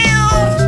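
A single loud cat meow with a drawn-out, tonal wail lasting under a second, heard on its own with no talking.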